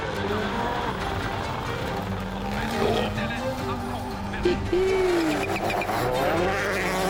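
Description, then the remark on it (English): A rally car driven by Kalle Rovanperä, run right the way out to carry as much speed as possible, engine roaring at high revs, its pitch climbing and shifting over a steady, loud rush of noise, with a brief rising whine midway and a voice talking underneath. “Kalle just running the car right the way out to carry as much speed as he can.”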